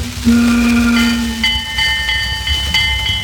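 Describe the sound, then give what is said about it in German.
A steam train arrives at the Wolfgangsee, rumbling in while its whistle sounds a long, steady low blast, then shifts to shrill higher tones over the chugging, loud, with no voices. “Und er hielt das fest, was eben viele erleben, als sie mit dem Zug am Wolfgangsee ankamen, damals in Bad Ischl.”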